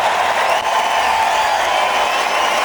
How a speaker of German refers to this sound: Das ist euer Applaus, liebe Hanse-Mädchen.